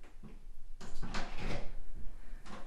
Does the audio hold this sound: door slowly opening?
yes